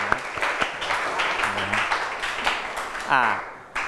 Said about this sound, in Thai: ถูกต้องปรบมือให้กับกลุ่มที่6